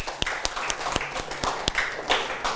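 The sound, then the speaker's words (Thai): A group of students in a classroom claps for their classmates in group 2 after their answer, in a steady, fairly even rhythm, with a dozen or so sharp claps merging into light applause, moderately loud with no talking. “ครับดีมากเลยครับปรบมือเพื่อนนักเรียน”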